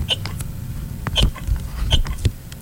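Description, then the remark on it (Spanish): A few sharp hiccups pop out at uneven intervals, each a short voiced gulp, with softer breathy clicks and low rumbles filling the gaps between them. “Así que solo 4 monstruos ruidosos la leche enlamada decidieron compartir, hasta que uno de ellos se enfermó y comenzó a lucir y un hipo no lo dejó hablar.”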